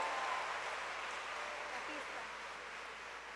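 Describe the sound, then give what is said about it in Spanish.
A church audience claps steadily for a few seconds, a dense, even wash of many hands that fades slightly toward the end, with no one speaking over it. “Así que un fuerte aplauso para cada uno de ustedes en este día.”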